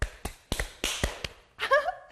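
A quick run of sharp, crisp hand claps in a steady rhythm, followed by a short burst of a voice at the end.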